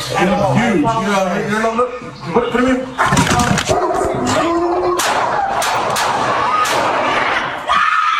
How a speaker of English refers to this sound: Angeles Police Department releasing body cam video, and you hear the audio too, showing an incident during which an officer shoots and kills a dog in an apartment complex in Canoga Park.